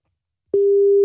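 After a brief silence, a loud, steady telephone line tone switches on as a radio show calls a mother's landline, holding at a single even pitch until the end, with nothing else heard.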